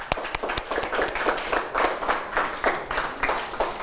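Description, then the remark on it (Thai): A group of students clapping together in class after a correct answer, a dense, uneven patter of many hand claps that holds steady for a few seconds, with no voices. “เดี๋ยวเราไปดูเฉลยพร้อมกันเลยครับนักเรียนถูกต้องนะครับปรบมือนะครับ”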